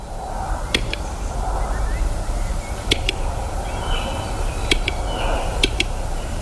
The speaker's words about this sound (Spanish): Hola, Paloma, no sé si identificas este sonido. Pues no, la verdad. Es el canto de uno de los habitantes, cada vez en más recesión, pero el urogallo sigue siendo el reclamo fundamental de, junto con los picos de Europa, la otra gran reserva natural